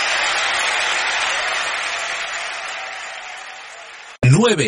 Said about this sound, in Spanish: ¿Cuántos pueden dar un grito de victoria, un grito de júbilo? ¡Oh, démosle palmas al Señor!